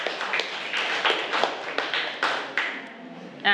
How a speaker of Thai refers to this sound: เก่งมากปรบมือให้เพื่อนค่ะ